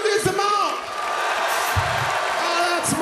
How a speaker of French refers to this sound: So from now on, criez. Applaudissements. Criez.